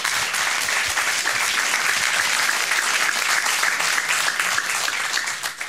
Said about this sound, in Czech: Tolik úvodem, Parapleti zatleskejme za to, že vůbec jsou.